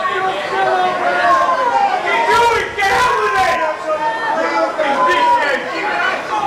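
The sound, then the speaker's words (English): A large stadium crowd jeers and shouts during a match while a player uses his minute having a drink and arguing with the referee, a dense, continuous roar of raised voices that stays loud throughout, with a few sharper bursts standing out from the din. “The crowd are having a go as well.”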